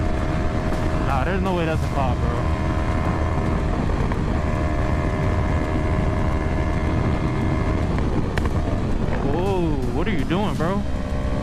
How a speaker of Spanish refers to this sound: Vean esto. El motociclista que graba venía a exceso de velocidad cuando le salió un obstáculo. Este auto deportivo de la marca Dodge.